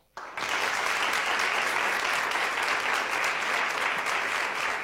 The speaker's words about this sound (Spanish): Bueno, supongo que aplauso habrá solo después de esta introducción. Les pido que no aplaudamos más, porque si no, voy a convencerme de que hay un futuro político aguardándome.